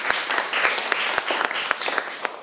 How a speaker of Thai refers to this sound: ครับขอเสียงปรบมือให้กลุ่มที่1หน่อยครับ